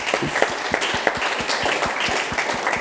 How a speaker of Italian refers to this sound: E facciamo a tutti un applauso.